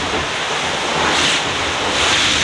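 A rushing wash of water from a wave sweeps over a boat deck as the boat plunges slightly into the sea, a steady broad hiss that surges twice, with wind noise buffeting throughout and no voices.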